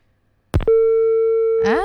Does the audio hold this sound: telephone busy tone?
yes